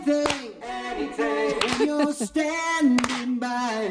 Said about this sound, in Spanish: Palmas.